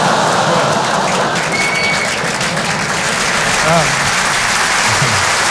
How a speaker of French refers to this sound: Applaudir là-dessus, c'est génial.